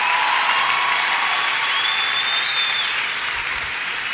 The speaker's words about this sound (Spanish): Así que un aplauso al Señor por su amor.